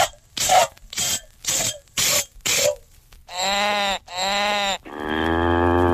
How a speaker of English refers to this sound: Milk this cow. Hurry, hurry. I'm in an awful rush.